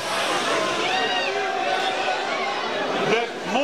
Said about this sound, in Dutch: Maar afgelopen zaterdag waren er wel heel veel mensen die hier de Mall of the Netherlands in wilden gaan. Allemaal door één en dezelfde schuifdeur, honderden mensen tegelijkertijd. En dat klinkt dan zo.